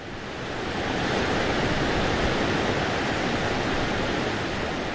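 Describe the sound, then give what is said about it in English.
The Bronx River, New York City's only freshwater river, flows through the Thane Family Forest at NYBG in a steady, unbroken wash of water noise, fading in over the first second and then holding at an even level with no voices. “New York City has exactly one freshwater river, and it happens to flow right through the middle of NYBG.”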